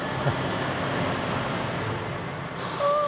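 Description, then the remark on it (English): A heavy truck rumbles loudly along a lane at 4:20 a.m., its steady engine roar filling the scene, then a short high squeal and hiss of air brakes near the end. “It's only a truck,”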